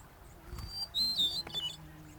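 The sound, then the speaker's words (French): A bird gives sharp, high squawking calls in short bursts from dense thickets, over a quiet outdoor background with no one talking. “Mais il y en a encore un qui retentit régulièrement dans les fourrés.”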